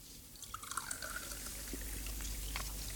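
Soda pours steadily into a glass, with a thin rising tone as it fills, scattered drips and a soft fizzy hiss throughout. No one speaks.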